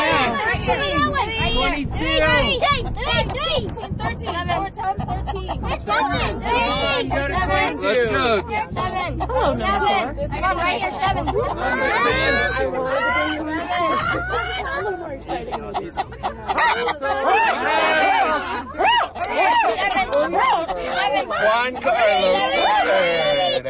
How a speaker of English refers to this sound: The sounds of Chicken Bingo at the Aspen Historical Society